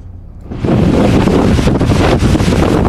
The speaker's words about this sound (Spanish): Fuertes vientos, lluvias torrenciales e inundaciones golpean el domingo el noreste de Estados Unidos.